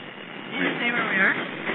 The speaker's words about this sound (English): We're on the corner of 31st and 30th Avenue, and a train just went by.